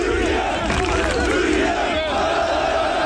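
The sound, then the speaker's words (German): A loud, dense crowd of fans cheering and shouting in celebration, with steady roaring voices throughout and sustained tonal blares of car horns mixed into the din. “Ja, mit ein bisschen Hupen im Hintergrund.”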